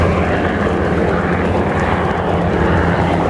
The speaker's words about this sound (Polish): Mieszkańcy i turyści mogli podziwiać m.in. samoloty F-16 i F-35, a także śmigłowce Black Hawk oraz Apache.